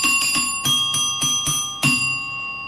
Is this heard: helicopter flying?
no